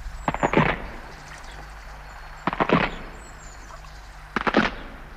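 Three separate bursts of loud wooden cracking and splintering as a wooden footbridge breaks under someone, each a quick cluster of sharp snaps, with short quiet gaps in between.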